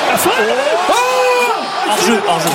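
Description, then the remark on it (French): A big crowd in a football stadium roars steadily, clamouring and applauding, many voices rising and falling together in sustained shouts and cries, with a hiss of noise underneath, loud throughout. “Vous entendez la clameur, les applaudissements qui étaient très largement applaudis.”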